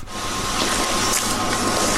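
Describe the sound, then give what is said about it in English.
A mop being pushed across a floor makes a continuous wet, hissing swish for two seconds, swelling slightly with each stroke over a low steady hum. No one speaks. “That's a mop being. It says here mop being used.”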